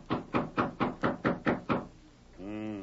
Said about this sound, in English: Quiet down. Here's York's door. I'll knock to let him know we're here.